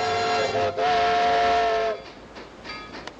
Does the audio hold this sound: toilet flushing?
no